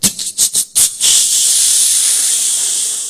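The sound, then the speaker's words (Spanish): A soda can pops open with a few quick sharp bursts, then a steady, loud fizzing hiss that carries on until the end. “Entonces, en el pueblo no se conocía porque no habían llegado para allá todavía las gaseosas en tarro. Entonces, en lata. En tarro de lata.”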